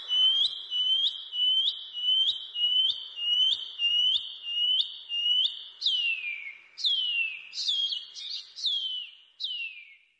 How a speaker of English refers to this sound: The pipi wharauroa. The shining cuckoo.